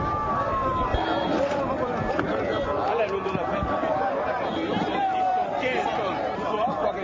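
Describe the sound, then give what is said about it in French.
Dense crowd commotion with cries and weeping around an overturned 22-wheel heavy truck lying on its side at an accident scene at the PK12 weighbridge, northern exit of Bangui; many voices overlap in agitated chatter as people move about amid continuous outdoor noise, steady throughout. “Cris, pleurs et mouvements de foule autour d'un camion couché sur le flanc.”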